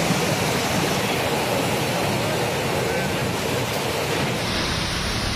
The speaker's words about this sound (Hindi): ये तस्वीर कोलकाता से आई है, जहां दिन में ही अंधेरा छा गया, जोरदार हवाएं चलने लगी और फिर बिजली कड़कने के साथ झमाझम बारिश देखने को मिली।